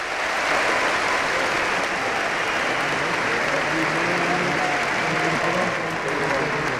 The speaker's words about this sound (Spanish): Así que ese fuerte aplauso para Mari Bot.